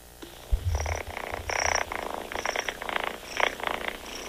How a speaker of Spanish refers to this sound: Rosita la tapatía nos enviaba el ronroneo de su gatita.